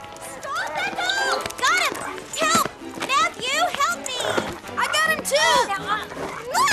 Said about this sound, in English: I believe I have him. Oh, good boy. Good. That's right. Boy. Be still. Dog. That's right. Doggy. Be still. Stay calm.